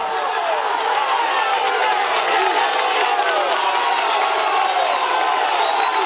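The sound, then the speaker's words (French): A dense crowd at the summit of the Puerto de El Porqué cheers the riders of a cycling race passing through, a loud, steady wall of voices with occasional whoops and higher yells rising above the roar throughout. “Et c'est le bain de foule au sommet.”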